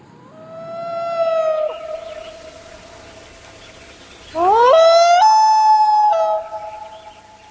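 A common loon gives two long, haunting wails: a steady mournful note that fades, then a louder call that sweeps upward in steps to a higher held tone before dropping away.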